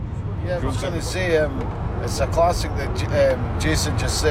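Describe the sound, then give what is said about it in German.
Steady low engine and road rumble from inside a moving car on the long drive from Edinburgh to Glasgow to a football match in Scotland, continuous throughout, with people talking over the drone. “nehmen mich im Auto mit zum Spiel.”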